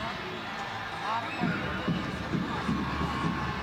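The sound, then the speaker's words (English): A large stadium crowd murmurs in a steady, dense wash of voices, with a few soft rhythmic low thumps pulsing underneath, as the Royals take a corner kick in a soccer match against Racing Louisville on a cold night. “Crowd senses something special.”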